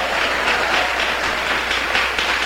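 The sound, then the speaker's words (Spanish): A church audience applauds the Lord in a dense, steady wash of clapping that holds at an even, fairly loud level throughout, with no voices rising above it. “Más fuerte ese aplauso, hermano, no se quede.”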